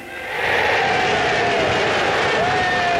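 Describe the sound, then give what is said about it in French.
A large crowd answering a speech that asks for a yes vote on the Constitution put to the vote on 28 September erupts into sustained cheering and shouting, a dense, loud roar that swells within the first half second and holds steady, with a few voices rising above the din. “Bon, ça fait chaud au cœur, évidemment, d'entendre la foule qui lui répond.”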